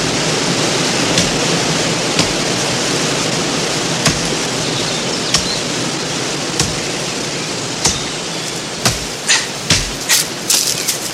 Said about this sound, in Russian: Старшина рубит дерево.